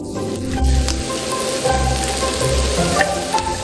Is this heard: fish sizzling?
yes